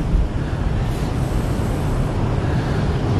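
Strong wind roars steadily by the sea, a dense low rumble buffeting the microphone throughout with a faint wash of surf beneath, no voices and no seagulls present.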